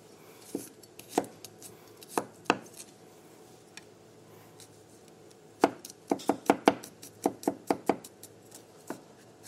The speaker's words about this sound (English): So for the tahini sauce, we're going to start by chopping up some garlic.